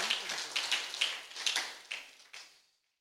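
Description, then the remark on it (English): A church audience claps their hands for the Lord in a dense, crackling burst of applause with no voices, keeping a steady patter with a few sharper swells before tapering off and fading out. “Let us clap for the Lord.”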